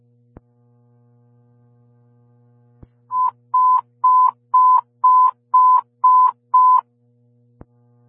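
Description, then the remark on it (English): Backup alerting test tones for Fire Station 22: eight short, steady mid-pitched beeps in an even rhythm, loud over a faint low hum, with brief clicks before and after. “Backup test tones for station 22.”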